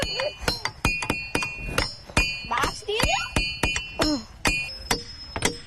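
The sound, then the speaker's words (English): Rocks struck in a quick, uneven series of hard hits, each giving a sharp clack with a bright, high metallic ring that lingers briefly. Faint voices murmur underneath. “It's just such a neat place where you can bang on the rocks and get different sounds out of it.”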